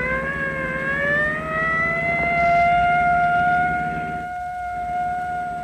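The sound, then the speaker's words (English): A loud siren wails steadily from a pursuing car, switched on again during a chase, its tone sliding upward and then holding a long sustained pitch over a low engine rumble, with no voices. “Get the siren going again. Let them know we're coming.”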